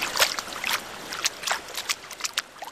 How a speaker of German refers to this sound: Ja, ich gehe mal rein ins Wasser, um mich einmal an das Wasser zu gewöhnen.